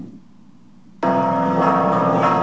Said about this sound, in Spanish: Así se escuchó en punto de las 3 de la tarde del sábado pasado el repique de las campanas de la parroquia de Santa Prisca y San Sebastián en Taxco por los desaparecidos en México y como un llamado para construir la paz.